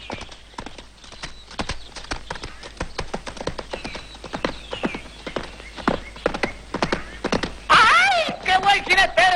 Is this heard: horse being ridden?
yes